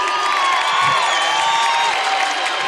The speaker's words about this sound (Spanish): Así que un aplauso para ustedes, por favor, gracias por estar aquí.